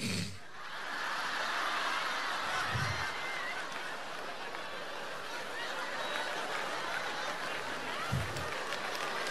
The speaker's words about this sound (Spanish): Claro, ustedes aplauden